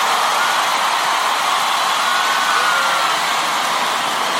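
A large crowd applauds loudly, the clapping blending into a dense, steady roar that holds at the same level for several seconds with no voices on top.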